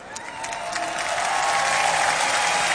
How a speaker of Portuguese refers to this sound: E o público aplaude este gesto e tenta perceber se está.